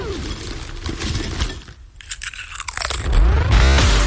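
Loud, crisp crunching of someone munching on snacks from the snack table during a break in the Saturday Night House Party show, a quick run of irregular bites and chews with sharp brittle cracks, growing heavier toward the end, with no talking.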